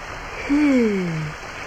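A small stream led through a mill house flows steadily with a continuous, even rushing hiss, and a brief low gliding tone passes over it midway before fading.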